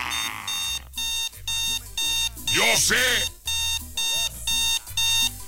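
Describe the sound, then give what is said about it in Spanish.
A loud alarm clock rings in a steady run of rapid, evenly spaced electronic bursts, with a brief warbling vocal sound rising and falling partway through. “Yo sé que esta alarma es bien castrosa.”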